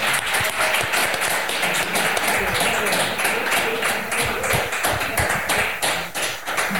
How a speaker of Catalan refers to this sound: Moltes gràcies a tots per la paciència i el temps que ens heu dedicat a oferir-nos el vostre art, i un aplaudiment.